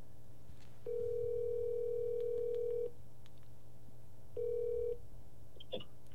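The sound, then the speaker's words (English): A telephone ringing tone plays through the line as a call is placed to a friend: one long steady ring, a pause, then a second ring cut short, ending with a faint click. No one speaks. “But I have somebody we could call. Let's call.”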